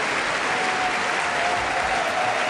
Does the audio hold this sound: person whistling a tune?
no